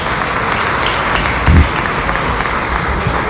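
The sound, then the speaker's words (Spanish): A crowd applauds steadily for the team of the Ministry of Agriculture and Land, dense clapping filling the whole stretch at an even, fairly loud level, with a brief low thump partway through and no one speaking. “Y bueno, quiero pedir un aplauso para todo el equipo del Ministerio de Agricultura y Tierra.”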